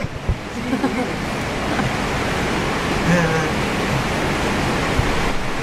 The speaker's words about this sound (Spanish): Y quien precisara lluvia, ahí tiene una buena cantidad de lluvia.